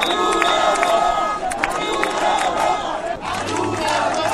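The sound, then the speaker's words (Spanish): A large crowd of protesters chants insults toward Pedro Sánchez and shouts 'viva Ceuta, viva España' in loud, rhythmic bursts, many voices blending into a continuous roar with repeated swells of collective yelling. “con conductores que animaban a los manifestantes, con banderas de España y Ceuta, todo un clásico, con cánticos de forma de insultos hacia Pedro Sánchez o gritos de viva Ceuta, viva España, repetidos además por momentos.”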